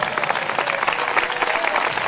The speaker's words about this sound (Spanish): Denle un aplauso fuerte al Señor en esta hora.